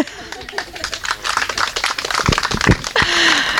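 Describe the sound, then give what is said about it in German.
An audience applauds with a dense, steady patter of overlapping claps that holds at moderate loudness for a few seconds, and a brief voice surfaces near the end. “Genau, also wir wollten jetzt hier einfach mal, ihr wolltet klatschen.”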